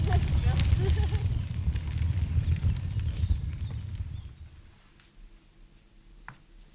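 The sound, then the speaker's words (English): A fire crackles steadily with scattered sharp pops over a low, dense rumble for about four seconds, then fades to a much quieter hiss with a few faint snaps. “Crackling fire.”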